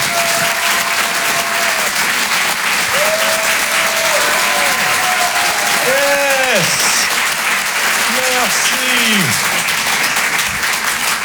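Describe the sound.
An audience at the Rire et Chanson Comedy Club, broadcast live from a theatre for the Open du Rire, applauds loudly and steadily to welcome a comedian. A dense wash of clapping with a few cheers and whoops rising above it, while a voice speaks briefly over the noise.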